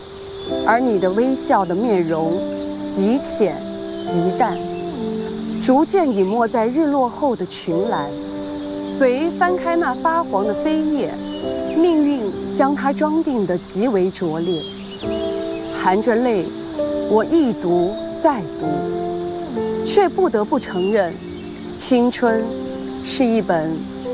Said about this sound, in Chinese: 好，我感觉这个蝉在给你伴奏。